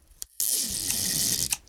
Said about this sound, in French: Toudou prend le scotch pour coller les murs de la maison ensemble. Il déroule un grand bout de scotch.